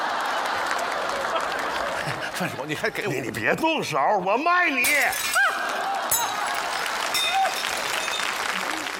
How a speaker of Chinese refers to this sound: 你砸它干啥呀？你挺好的玩意儿，砸它干啥？省得你拿出去骗钱。那个碎了，这个也碎了，消费者就平安了，这就叫岁岁平安。